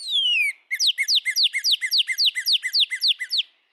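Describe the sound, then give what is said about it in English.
A northern cardinal sings a long, clear downslurred whistle, then a quick, evenly paced series of about a dozen bright, sliding whistled notes. The song is loud and alone, with no talking. “For example, male and female northern cardinals produce a song with clear whistles.”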